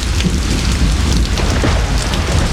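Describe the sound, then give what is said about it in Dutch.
Steady heavy rain hisses continuously while a deep, low thunder rumble rolls underneath throughout, loud, with no voices. “Ja, vlang je ook zo naar regen en een beetje onweer.”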